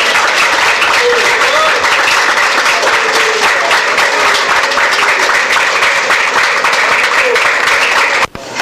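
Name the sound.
audience applauding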